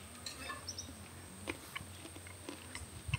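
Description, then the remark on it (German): Quiet wet mouth sounds of someone sucking the slimy pulp off a cacao bean without swallowing it, with soft irregular smacks and clicks over a faint steady background hum, no talking. “Es solo chuparlo, no comer.”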